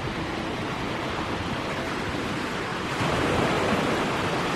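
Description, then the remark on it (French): A steady, dense roar of sea surf washing against a beach at night, heard from behind granite walls, growing slightly louder partway through as a wave surges in. No voices, only the continuous rush of water. “La nuit, il faisait bon écouter le ressac à l'abri des murs de granit.”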